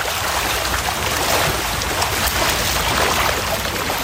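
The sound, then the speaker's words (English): Steady, dense splashing and churning of water as trout thrash through the raceways of the Trout Spot trout farm in Kashmir while the evening feed is prepared, continuing without pause at a fairly loud level with no voices. “As he prepares the evening feed, fish begins splashing through the raceways.”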